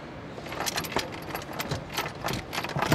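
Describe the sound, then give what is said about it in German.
A wrench loosens screws while fitting a pump, giving a run of quick, irregular metallic clinks and rattles over a low background hum, with no one speaking. “Warte, wir haben jetzt den Schlüssel drüben, das Schrauben locker.”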